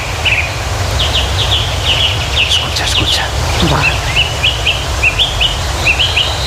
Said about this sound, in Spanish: Todos a la vez, Begoña, el mirlo, el ruiseñor, las oropéndolas, el alcaudón, el picapinos.